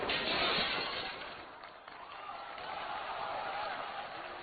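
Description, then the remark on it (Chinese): A glass pane shatters in a loud burst, with a bright crash at the start followed by a lingering jangle of falling shards and debris that fades slightly over several seconds. “你俩，哎呀，把我玻璃干碎了都。”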